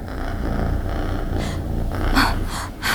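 A deep, rumbling growl sounds from above and fills the whole room. It rolls on steadily, low and eerie, with a few breathy snorting bursts rising toward the end. No one speaks.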